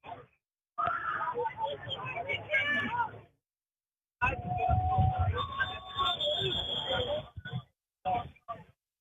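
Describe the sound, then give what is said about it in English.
A referee's whistle sounds in short shrill bursts, blowing the play dead on the field at an American football game, over loud, steady crowd noise in a stadium, with a brief silence separating two stretches of roar. “And the whistle's down on the field, blowing the play dead.”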